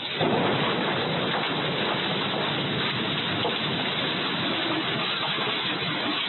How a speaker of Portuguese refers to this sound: A câmera de monitoramento de uma das casas na rua Bentivi, no bairro Floresta, registrou o momento em que o muro cede e a força da água arrasta tudo pela frente. Ouça o estrondo e logo em seguida a correnteza.